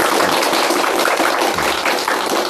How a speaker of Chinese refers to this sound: 我们掌声欢迎。